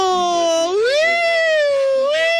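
A loud siren sound effect from radio station FM 99.9 wails steadily on its own, sweeping upward in pitch, holding a high sustained tone, then starting to climb again at the end.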